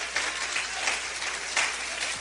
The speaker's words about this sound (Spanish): Dale un aplauso a Cristo, que Él se lo merece. El aplauso sea más fuerte, que Él se lo merece.